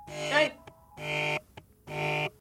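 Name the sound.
telephone ringing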